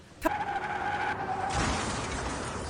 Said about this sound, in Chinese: 是吧，大哥，我们这车雨天打滑，发现是水，想刹车已经来不及了。